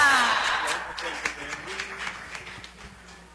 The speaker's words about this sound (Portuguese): E queremos acolher a todos vocês com uma calorosa salva de palmas. Viva Senhora Santana! Viva!